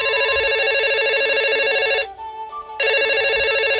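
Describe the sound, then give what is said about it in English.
A loud electronic telephone ring trills steadily during an outgoing call, breaks off for under a second, then starts ringing again. It sounds clear, with no voices over it. “Phone a Franklin, you tool. Phone a Franklin.”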